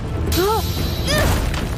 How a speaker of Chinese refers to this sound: 糟了，是爆炸引发的地震！